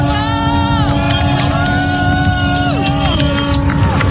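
Many boat horns blare at once in long, overlapping sustained tones of different pitches, some sliding downward, as boats salute Charlie Dalin crossing the Vendée Globe finish line at Les Sables-d'Olonne, with smoke flares lit, over a loud, constant wash of crowd noise and cheering.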